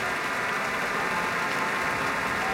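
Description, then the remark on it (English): Sustained applause from a Pacific Symphony concert audience for Gabriela Montero after her encore improvisation on Happy Birthday, a dense, steady wash of many hands clapping at an even loudness throughout, with no voices standing out. “More applause for Gabriela Montero.”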